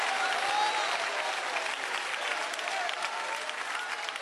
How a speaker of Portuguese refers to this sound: Não há problema você glorificar e nem dar aplausos para Ele. Não há problema. Pode glorificar e dar aplausos para Ele.